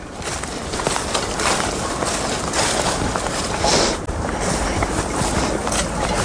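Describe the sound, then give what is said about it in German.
Countless small pieces of ice tinkle and clink continuously like wind chimes, heard on a walk along a stretch with ice, a dense shimmering patter, steady throughout, partly blended with a rush of wind noise. “Oh, das ist echt schön. Wie Windspiele.”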